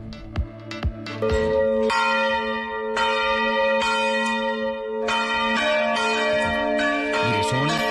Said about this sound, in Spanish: ¿Quiere oír cómo repicaban las campanas saludando la visita de León? Lo hacían así.